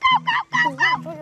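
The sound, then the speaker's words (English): A child's voice mimics a monkey call with a quick run of about four loud hooting bursts that rise and fall in pitch, with no other sounds around them. “A monkey.”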